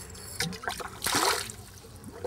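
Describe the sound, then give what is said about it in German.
Water poured out of a container: a few brief trickles, then a louder splashing gush lasting about half a second, fading to quieter dribbles. No one speaks. Water is let out so it is less deep for an animal. “Lass mal noch ein bisschen ab, weil die Frau Tilly nicht so gern in tiefes Wasser geht.”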